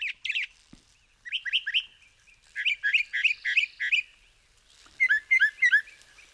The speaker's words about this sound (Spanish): Es el sinsonte norteño, nombre científico, Mimus poliglotos, seguramente el mejor cantante de Cuba. Aunque ocupa también buena parte de Norteamérica y otras islas del Caribe, aquí es una presencia habitual en jardines, campos abiertos, pueblos.